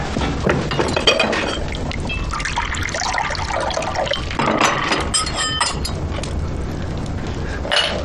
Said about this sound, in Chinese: 您倒水